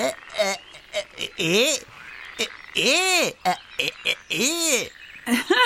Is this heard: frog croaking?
yes